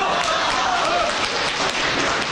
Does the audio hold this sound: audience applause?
yes